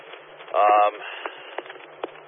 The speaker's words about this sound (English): your scanner is echoing my scanner. It's kind of funny. Hearing the same thing.